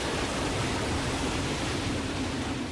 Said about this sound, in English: He showed his anger with wild storms, roaring winds that bent trees and waves that crashed against the shore.